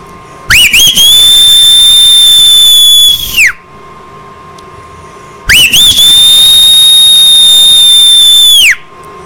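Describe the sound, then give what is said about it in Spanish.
Two long, piercing human whistles, each held steady for about three seconds with a quick upward swoop at the start and a drop at the end, separated by a brief pause. Loud. “Échate un chiflado chido, caballito, para que se escuche allá en Reading, Pensilvania.”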